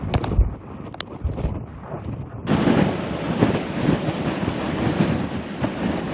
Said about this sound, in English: These are the worst winds that we've gotten all night. It's like you'll have moments of a punch of wind, and then it'll stop, and then we get another punch of it.